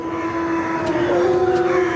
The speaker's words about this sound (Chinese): 这声嚎叫是在召集狼群准备狩猎。